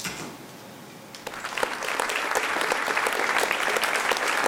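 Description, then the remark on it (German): Theater audience applause for clinic staff bowing on stage begins after a brief quiet moment and swells into steady, dense clapping that stays loud and even through to the end, with no voices heard. “Sie verneigen sich und genießen den Applaus.”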